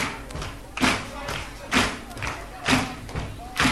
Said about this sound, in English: Let me hear a little foot stomping.